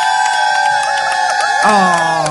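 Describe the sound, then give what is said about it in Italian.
A live audience cheers together in a sustained, loud roar, voices holding a long shout that swells and bends in pitch near the end. No distinct clapping stands out. “ma comunque gli applausi non si sentono, Giulio, io devo staccare”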